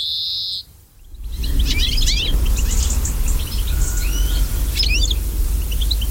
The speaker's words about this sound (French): Voilà un cousin du pinson, c'est le verdier. Lui aussi, ses effectifs se sont bien cassés la figure ces dernières années. Ce magnifique fringille, ce granivore avec un bec puissant et ce plumage verdâtre avec des barres jaunes.